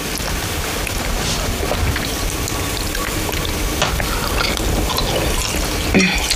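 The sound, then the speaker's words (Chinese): Steady rain falling, a dense, even hiss of drops with a faint crackle that holds at the same level throughout, with no voices. “我这下雨你们得回去。”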